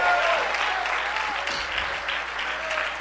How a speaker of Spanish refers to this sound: Él es el poderoso, Él es el soberano. Dale tu mejor aplauso.